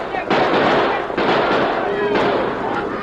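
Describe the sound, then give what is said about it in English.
Three sharp gunshots, fired by a posse over the heads of a stampeding cattle herd, crack out about a second apart over the loud, continuous rumbling roar of the herd that fills the whole clip. “At a shout from the masked man, shots rang out over the heads of the bewildered steers.”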